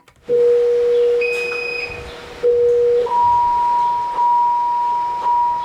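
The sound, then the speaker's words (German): A patient monitor alarm at the central monitoring station of the Jewish Hospital in Berlin, set off by a high pulse or low blood pressure or blood oxygen, sounds in long, steady electronic tones, first a lower pitch, then a higher one, with faint overlapping chimes. Fairly loud and clear, with no talking. “Dann tönt ein Alarm in der Zentrale der Überwachungsstation, wo 4 Schwestern und Pfleger vor Bildschirmen sitzen.”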